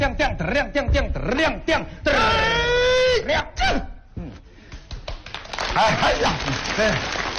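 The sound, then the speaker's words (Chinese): Audience applause swells up as a steady, dense patter of many hands clapping, partly mixed with voices and vocal sounds carrying over it, as the audience is asked to clap again. “来， 大家再鼓掌，谢谢啊！”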